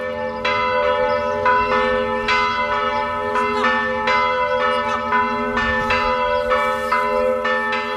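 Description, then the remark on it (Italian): Festive church bells of the Pieve di Romena, a twelfth-century Romanesque church in Casentino, ring out in a steady, overlapping peal, strikes arriving about every half second with long resonant hum sustained beneath, fairly loud and continuous throughout. “Le campane della festa annunciano la prima tappa del nostro viaggio, la Pieve di Romena in Casentino.”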